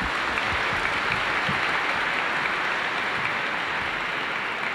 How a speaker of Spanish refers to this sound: Agradecemos a nuestros hermanos y le damos un fuerte aplauso a ellos, por favor.